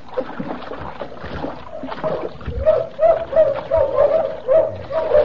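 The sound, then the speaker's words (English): Bloodhounds chasing a fleeing man bay and bark in a rapid, repeated series of mid-pitched yelps that grow steadier halfway through, over a continuous rough wash of splashing water from an icy river. “After me with bloodhounds.”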